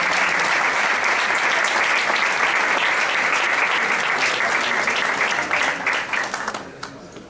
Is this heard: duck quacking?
no